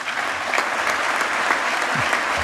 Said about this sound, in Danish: Og jeg tror, det er starten på en i hvert fald et minut lang klapsalve, vi hører her ved årsmødet i 2021.